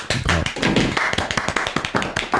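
A burst of steady applause, many hands clapping in a dense, continuous patter that stays fairly loud throughout, with no voices over it.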